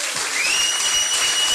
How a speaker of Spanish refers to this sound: Dele palmas a Cristo.